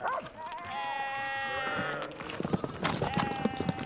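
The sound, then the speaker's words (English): A sheep bleats in a long, wavering cry on a narrow mountain path, then calls again more briefly, with scattered clicks and scuffs like hooves on stony ground between the bleats. “This section is a little dangerous because the sheep sometimes dislodge rocks.”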